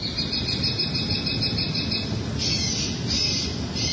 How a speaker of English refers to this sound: To try and stop the behavior, officials installed a set of deterrent devices earlier this summer that make loud bird calls. Here's a recording from a local resident.